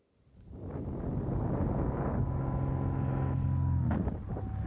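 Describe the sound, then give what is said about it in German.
A Cessna propeller plane tears through a paraglider's canopy in mid-air, recorded by the paraglider pilot during her flight. The plane, heading toward Zell am See, swells into a loud engine drone over rushing wind, holding steady for a few seconds before the noise abruptly drops off near the end, with no voices. “Dass eine Cessna ihren Gleitschirm zerfetzt, damit hat sie definitiv nicht gerechnet.”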